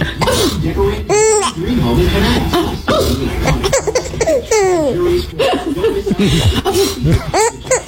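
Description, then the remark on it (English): A woman lets out playful fake sneezes, and a baby answers each one with bright, high-pitched bursts of giggling that rise and fall in quick, repeated squeals. “It was my dear wife, and it was a fake sneeze of all things.”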